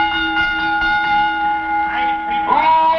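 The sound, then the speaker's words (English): A bell rings out with a steady, sustained metallic tone that hangs in the air, then is struck again near the end, renewing the ringing; the bell is rung to call the crowd before an announcement at a sporting match. “Bell me.”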